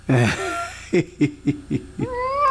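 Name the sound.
cat meowing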